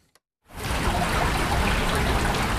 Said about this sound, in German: Friedlich plätschert die Erft mitten durch die Altstadt von Bad Münstereifel. Wände aus grauem Naturstein leiten den Fluss in sein kanalisiertes Bett.